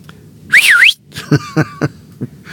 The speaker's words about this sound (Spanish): Hoy es el día del silbido.